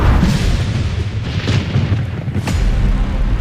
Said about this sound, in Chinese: 这天夜里，惊雷炸醒了沉睡的村民，一道闪电从天而降，劈中古樟，